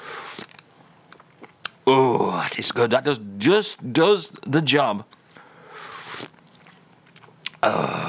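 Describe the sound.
Wet slurps from a cup of tea come in short bursts before and after a stretch of a man speaking, with a contented exhale between sips.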